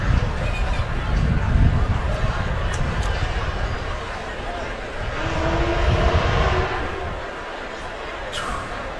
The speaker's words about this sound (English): Sounds like a nice car.